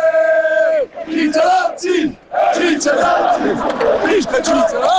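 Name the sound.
football fans cheering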